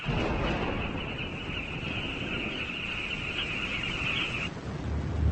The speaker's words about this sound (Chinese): 雷声越来越响，风虎也越来越焦躁不安。